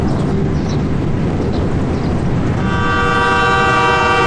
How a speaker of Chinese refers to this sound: 南山口站是青藏铁路从格尔木出发的第一个站，海拔3080米，距格尔木市30多千米。从南山口开始，火车驶离柴达木盆地进入昆仑山区。